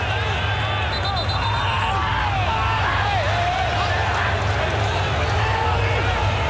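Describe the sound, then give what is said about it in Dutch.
A large stadium crowd in the Philadelphia Stadium roars and applauds steadily for several seconds during a football match, cheering a build-up of play by the Iraqi team: a dense, continuous wash of clapping and massed voices with a low rumble underneath and no break in volume. “applaus. In het Philadelphia Stadium voor deze opbouw van de Irakezen.”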